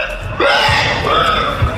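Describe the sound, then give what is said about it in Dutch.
Adult men and women imitate squealing pigs on stage at a pig-squealing contest in France, a dense, continuous chorus of shrill, high-pitched squeals with wavering pitch that grows louder after a brief start and keeps going without pause. “Zo klinkt dat als volwassen mannen en vrouwen varkens nadoen.”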